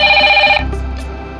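A mobile phone ringtone trills loudly with steady, high-pitched tones for about half a second, then cuts off, leaving a low rumble and faint background noise.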